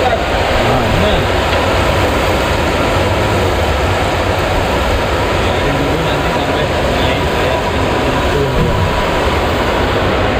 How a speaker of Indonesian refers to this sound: Untuk proses menggoreng diperlukan waktu kurang lebih sekitar 5 menit sampai tahu benar-benar kuat, tidak gampang pecah atau rusak.